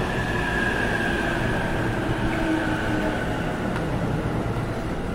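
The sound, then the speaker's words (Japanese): A 15-car special rapid train bound for Tsuchiura rolls steadily into platform 4 at Nippori station with a continuous low rumble of wheels and carriages, faint high squeals and a thin tonal whine running above the dense noise. “特別快速土浦行き到着です。4番線ご注意ください。”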